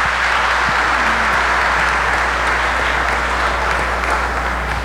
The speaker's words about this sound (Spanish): Para todos los abuelos, un aplauso grande en este día especial.